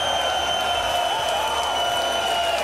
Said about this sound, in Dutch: Und wir komplettieren unser Refereeing-Trio hier in Riesa. Großen Applaus für den Calculator Kirk Bevins.